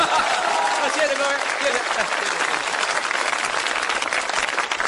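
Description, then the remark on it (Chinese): A crowd at a crosstalk (xiangsheng) performance claps steadily after a performer asks the audience for encouragement, a dense, even wash of applause that stays loud for about five seconds without fading. “您说像您这么没皮没脸的跟观众直接要掌声，观众好意思不给你鼓吗？”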